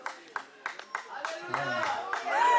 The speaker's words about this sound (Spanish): Dios bendiga ese hermanito que está con gozo. Aleluya. ¿Alguien se une a él a darle un aplauso al Señor?